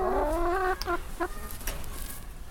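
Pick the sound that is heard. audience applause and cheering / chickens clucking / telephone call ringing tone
chickens clucking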